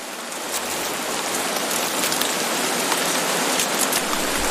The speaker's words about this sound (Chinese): 丛林间的活动似乎暂时停了下来，倾盆大雨令这里的动物冷静下来，它们被困于暴雨之中。